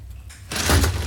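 A chair beside a child's bed on a ward unfolds into a bed as its strap is pulled: a soft rustle, then a sudden loud mechanical clatter and heavy thudding as the frame swings open. No one speaks.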